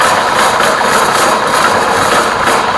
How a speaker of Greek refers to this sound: Τι είναι αυτό? Μήπως είναι η σκούπα του bowling που μαζεύει τις κορίνες? Ναι, η σκούπα που πέφτει μπροστά τις κορίνες και τις μαζεύει προς τα πίσω.